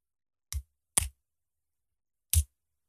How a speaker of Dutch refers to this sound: Het was een pen. Dat was een pen. Het geluid. Ja, dat was heel makkelijk, hè? Ja, deze was heel makkelijk, vond ja, ik. Dat kon je echt wel horen.